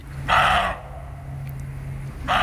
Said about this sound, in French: Celui-là, je l'aurais reconnu, je crois. Ouais, on l'entend souvent. C'est le chevreuil. C'est le chevreuil. Le chevreuil aboie. Le chevreuil aboie.